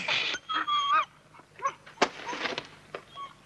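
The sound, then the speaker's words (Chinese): A dog being held back by a person whines and whimpers in high, wavering cries, then breaks into a sharp bark followed by a few shorter yelps and whimpers. “不行啊，我得拉着狗。”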